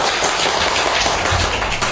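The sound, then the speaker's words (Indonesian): An audience applauds after a recitation of the poem Syair Gurindam 12, many hands clapping in a dense, steady patter that holds at an even loudness for the full two seconds, with no voices above it. “Tepuk tangan yang meriah dong teman-teman.”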